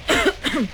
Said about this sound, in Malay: Ha, tengok tu, cakap dengan aku pun batuk lagi.